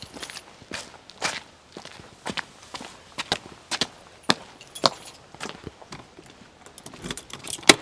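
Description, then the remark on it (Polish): Keys jangle and clink in a run of irregular sharp metallic clicks and rattles as someone sorts through a ring of keys to unlock a door at the site of Poland's largest optical telescope, with no talking. “Czy Pan pamięta, które klucze od które?”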